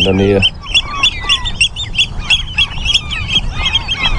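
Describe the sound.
Eurasian oystercatchers call on the Hallig island of Nordstrandischmoor in June, a dense run of shrill, piercing piping notes repeating and overlapping, after a brief low voice at the very start; the bird's nest is nearby.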